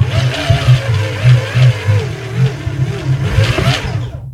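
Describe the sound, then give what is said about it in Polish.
A motorized DJ jog wheel with a motor built into it spins with a steady mechanical whir, like a hand-cranked flashlight. Low rhythmic thumps pulse underneath, with a wavering mid-pitched hum. No one speaks. “Tutaj mamy te koło zmotoryzowane, czyli mamy wbudowany w środku silnik, który właśnie tak jakby takie latarki kręcone na korbkę wydaje taki dźwięk.”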